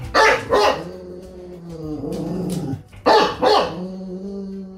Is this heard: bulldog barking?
yes